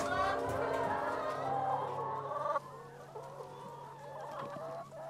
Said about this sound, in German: Aber die sind vormittags sehr fleißig und sollen eigentlich so gegen 12 sollten die eigentlich fertig sein mit Legen. Und das sind noch die Hühner, die heute Mittag mit ihrer Arbeit noch nicht fertig waren.